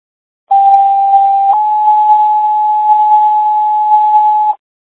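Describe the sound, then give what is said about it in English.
Two steady electronic tones play back to back, a lower pitch for about a second and then a slightly higher one held for around three seconds, a radio dispatch page for the Carroll County area, loud and alone. “Carroll County area, send back your tones.”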